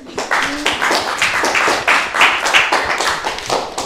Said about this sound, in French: Hey, on l'applaudit, hein.